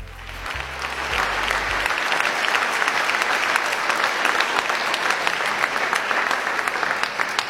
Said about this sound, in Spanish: Bueno, de esta manera, cuando usted escucha esos aplausos y escucha este tango, póngalo más fuerte, que me encanta, tanguera, qué bonito que es. Significa que estamos llegando al final de otra propuesta de encuentro personal.